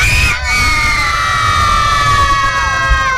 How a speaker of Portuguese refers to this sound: Se a criançada estiver feliz, vai gritar Galo. Um, dois, três. Galo! O pessoal da rádio falou que foi baixo, mais alto. Um, dois, três.